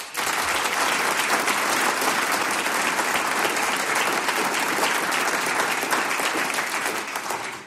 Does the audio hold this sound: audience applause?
yes